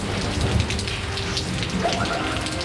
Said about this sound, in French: Le sermon vient à peine de commencer, l'orage gronde menaçant et la pluie à sa suite.